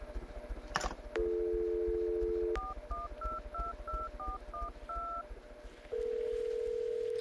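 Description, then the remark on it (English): A steady dial tone hums, then about nine quick, evenly spaced touch-tone keypad beeps sound as a telephone number is dialed, followed by another long steady tone. No one speaks. “Pick up the phone and call the Fantasy Girls.”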